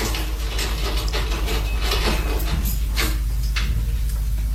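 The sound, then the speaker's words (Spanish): A lock clicks and rattles in a few sharp mechanical bursts as a door locked with a key is unlocked and opened, all over a steady low rumbling hum. No one speaks. “Si yo mismo cerré la puerta con llave. Bien. ¿Y qué espera? ¿Abra de una vez?”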